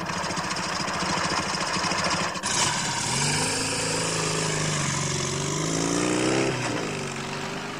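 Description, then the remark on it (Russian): A motorcycle carrying Kazadoev and Semyon Semyonovich runs steadily, its rough buzzing drone rising and falling in pitch as it revs and shifts while riding along, with no talking. “Казадоев с Семен Семеновичем едут на мотоцикле.”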